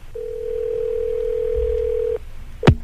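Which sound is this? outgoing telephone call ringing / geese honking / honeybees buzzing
outgoing telephone call ringing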